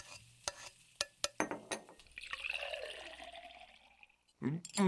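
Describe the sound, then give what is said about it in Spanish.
A few sharp clinks and clatters of dishes and utensils as a plate of enchiladas is served, then a steady stream of agua de Jamaica poured into a glass for a couple of seconds, followed by a brief voice at the end. “Claro, pero antes les voy a servir un plato de enchiladas y un buen vaso de agua de Jamaica.”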